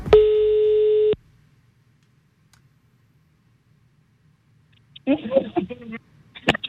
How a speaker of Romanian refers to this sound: Și am format și un telefon urmează să sune. Fiți atenți.